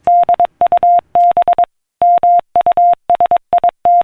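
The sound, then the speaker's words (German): Morse code beeps of a telegraph transmission in a steady single tone, short dots and longer dashes grouped into letters with brief pauses between, loud and clean with no voices. “So tönt es, wenn Menschen von der einen Seite des Planeten eine Morsecode-verschlüsselte Nachricht via Telegraph auf die andere Seite des Planeten übermittelten.”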